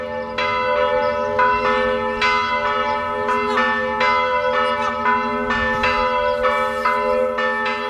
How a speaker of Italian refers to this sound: Le campane della festa annunciano la prima tappa del nostro viaggio, la Pieve di Romena in Casentino. È una splendida chiesa romanica del XII secolo